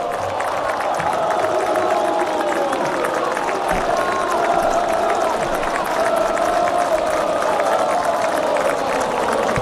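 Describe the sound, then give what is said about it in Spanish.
A stadium crowd in Argentina roars steadily with cheering, applause and chants of "dale campeón" for the champion Argentine national team, a dense, loud wall of sound that holds without a break throughout. “Aplausos y el dale campeón de las tribunas, la humareda con los colores de la bandera desde ambas cabeceras, esa especie de volcanes que hacen erupción también.”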